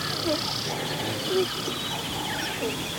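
A few short, nasal alarm calls from a herd of gazelles ring out at scattered intervals over a steady high-pitched insect buzz, in a large meadow of dry grass in the savanna of Kenya, with no water hole, in great heat.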